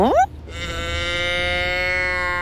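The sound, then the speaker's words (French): A cow moos in one long, steady, drawn-out call, loud, after a brief rising note at the start, with no talking. “Toudou voit un troupeau de vaches.”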